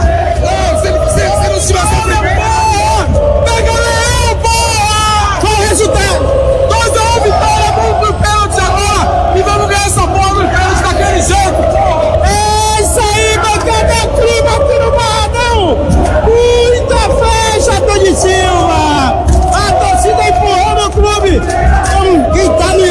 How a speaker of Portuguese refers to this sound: Olha a multidão e o ônibus rubro-negro chegando.